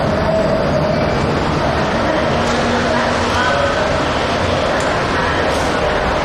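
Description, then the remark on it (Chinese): Subway station ambience: a loud, steady rumbling roar of a train running, constant throughout, with faint indistinct voices blended into the din. “那个，我才下班，来赶地铁。”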